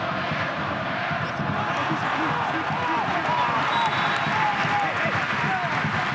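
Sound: football stadium crowd cheering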